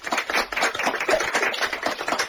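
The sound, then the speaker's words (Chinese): Soft applause from a group of people at a party representatives' conference after Chen Duxiu is unanimously elected secretary of the Central Bureau, a dense patter of light, quick claps that holds at a steady, gentle level throughout, with no voices. “众人鼓掌，声音轻轻的。”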